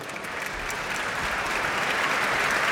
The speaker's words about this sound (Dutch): En daar klinkt het applaus voor Jefim Bronfman. En voor dirigente Elim Chan. We zijn samen op weg naar het podium. Naar de muzici van het Concertgebouworkest. Groot applaus hier voor de pianist, Jefim Bronfman.